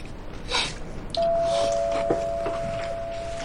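A doorbell rings with a single steady electronic tone that starts about a second in and holds unbroken to the end, over a soft rustling background with no talking.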